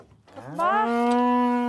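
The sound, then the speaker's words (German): A single long moo from Galloway cattle summering on the island of Lührsand rises in pitch and then holds a steady, strong harmonic tone for over a second, with no talking over it. “40 bis 50 Galloways dürfen den Sommer auf der Insel verbringen.”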